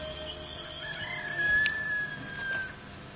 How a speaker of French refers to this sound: Et une petite aurore. Et le coq.